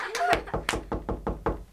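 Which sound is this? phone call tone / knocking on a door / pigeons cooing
knocking on a door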